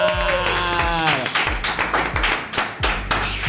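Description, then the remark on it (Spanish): Scattered clapping and cheering bursts over a loud, upbeat music sting with rising tones and thumping beats, like a studio applause effect welcoming a guest into the booth on air at 104.9 Radio. “Fuerte el aplauso para el señor David Reyes, por favor.”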